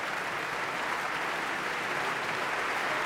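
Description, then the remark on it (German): Sustained, dense applause from a large audience in the Berliner Philharmonie concert hall, cheering singer Rinat Shaham after her Carmen performance, a steady wash of many hands clapping at even loudness throughout, with no voices on top. “Das Publikum ist begeistert hier in der Berliner Philharmonie.”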